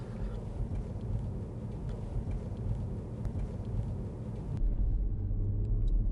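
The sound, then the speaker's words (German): A car drives steadily at an even speed through an intersection, passing a traffic light that has just turned green, with a constant low engine and road rumble. Near the end the high hiss drops away, leaving a louder, muffled low drone. No one speaks. “Also wir sind im perfekten Fahrtempo. Hier in 28 Metern kommt die Ampel. Jetzt haben wir sie überfahren.”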